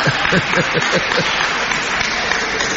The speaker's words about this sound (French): Il vient de loin pour des questions importantes, on peut l'applaudir encore.